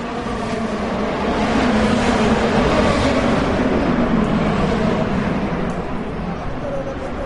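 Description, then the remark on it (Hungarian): A steady, loud roar of race car engines of up to 800 horsepower each at the Freedom 250 Grand Prix around the National Mall and the Capitol, dense and reverberant, echoing off the large buildings of the US government and museum district, with no pauses. “Az amerikai kormányzat és múzeumi negyed hatalmas épülettömbjei jócskán visszhangozták és visszaverték az egyenként akár 800 lóerős motorok hangját.”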